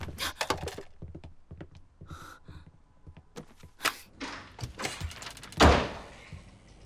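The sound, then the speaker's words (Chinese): A door is handled roughly and flung open by someone barging in without knocking, with a string of close clicks and clunks followed by a loud, heavy bang near the end. No one speaks. “不会敲门吗？升了行政主管之后，连最起码的礼貌都不懂。”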